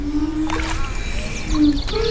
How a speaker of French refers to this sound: une œuvre musicale à partir de céramique. Et c'est le contact avec l'eau qui donne le son. Ça ressemble à une canne à pêche. Ouais. Vous avez là, au bout de la canne à pêche, vous avez la céramique.